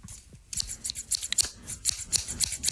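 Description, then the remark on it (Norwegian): Scissors snip repeatedly as a jingle in a quick, uneven rhythm, each crisp metallic cut fairly quiet, forming a short percussive sequence with no voices. “Ta gjerne, hvis du sitter med en saks, så er det ingen grunn til ikke lage vignett.”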